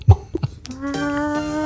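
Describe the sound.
A woman's voice imitates a chicken on the Antenne Niedersachsen Moin Show: a few short, throaty clucks, then a long, drawn-out squawk held at a steady pitch until the end.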